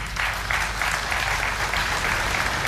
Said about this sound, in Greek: Τα χειροκροτήματα ήταν έτσι και έτσι, θα έλεγε κανείς, μάλλον περιορισμένα και μάλλον αυτό που θα μπορούσε να χαρακτηριστεί με το ζόρι, υποχρεωτικά δηλαδή.